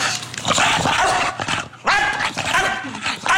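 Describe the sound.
A dog barks while playing in a raspy, hoarse voice, with a run of rough barks, a brief pause, then another harsh, strained burst of barking.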